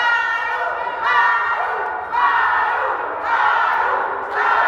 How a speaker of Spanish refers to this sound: también su apoyo a la gobernadora Maru Campos, lo que expresaron con gritos al momento en que los líderes morenistas ingresaban a la terminal aérea. Escuchemos un poco de lo que se vivió a la llegada de Ariadna y Andy López Beltrán al aeropuerto.